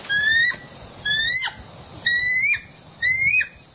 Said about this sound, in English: This is what the bald eagle actually sounds like.